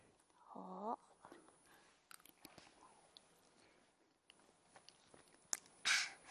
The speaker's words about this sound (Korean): 밥을 꼭꼭 씹어 먹어요. 밥은 맛있어요.